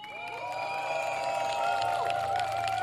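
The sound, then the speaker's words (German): Audience applause for Wolfgang Rehm of the environmental organisation Virus, dense steady clapping from a crowd with sustained whistle-like tones and cheering mixed in, loud throughout and swelling slightly toward the end. “Einen großen Applaus für Wolfgang Rehm von der Umweltorganisation Virus.”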